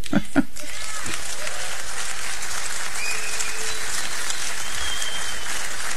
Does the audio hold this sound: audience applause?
yes